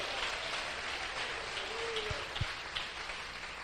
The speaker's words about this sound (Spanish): ¿Cuántos alaban al Señor? Denle fuerte ese aplauso al Cristo de la gloria.